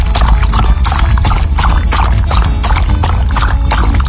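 An animal drinks water freely, with loud, steady slurping and splashing that pulses in a quick, even rhythm over a constant wash of running water. No one speaks.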